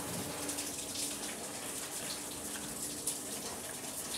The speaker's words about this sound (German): Das ist jetzt auch warmes Wasser, nur dass wir sie sauber haben. Einmal hinten da. Die Schieterei, genau, dass wir das alles sauber machen können.